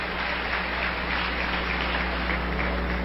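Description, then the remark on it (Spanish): Audience applause, a steady wash of many hands clapping together that holds at an even, fairly loud level for about three seconds, with no voices heard over it. “Yo creo que las que aplaudieron fueron las esposas.”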